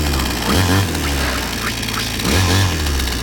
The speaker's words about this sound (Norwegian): Motorsag.